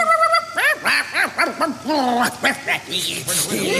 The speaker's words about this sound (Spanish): Sí, y de ahí fui a parar a la costanera. Seguida por 30 perros que me ladraban.